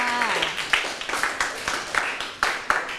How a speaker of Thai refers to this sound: ใช่ปรบมือให้เพื่อนค่ะ